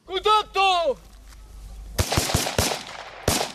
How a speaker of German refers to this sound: Ein improvisierter Militärübungsplatz im Nordosten der Ukraine. Ein paar Soldaten rennen über das Gras und schießen auf in den Boden gesteckte Zielscheiben. Es ist eine Übung.